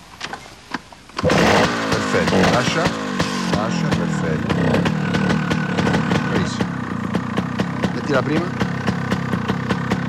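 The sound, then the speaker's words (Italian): After a brief quiet moment, a Scimmia's engine is started with one sharp kick and bursts loudly to life, then settles into a steady, throbbing idle that continues to the end while a man speaks over it. “Vai, metti in moto, un bel colpo secco.”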